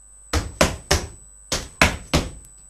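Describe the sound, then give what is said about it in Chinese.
Heavy, booming footsteps of Baby Pig, amplified by a sound amplifier clipped to his belt, thud up a staircase in two groups of three evenly spaced steps with a short pause between, each impact loud and resonant over a faint steady high whine. “人们吓坏了，以为是打雷呢。哦，原来是宝贝猪在上楼梯。”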